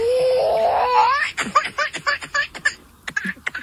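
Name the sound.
baby laughing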